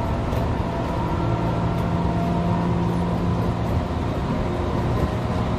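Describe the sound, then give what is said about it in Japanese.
A steady, loud rumble of a DC-motor electric train running at speed, with a droning low hum, faint motor whine and light clanking rhythm over the track, no voices. “あの今日は例題が全部直流モーターなんですけど、うん、 はい、 あのこの音ってこのステンレスの京成電車の音ではない気がするんですよね。”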